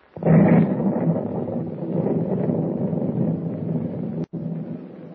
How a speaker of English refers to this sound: suddenly explosion after explosion shook the ancient vessel and flames shot up from the hold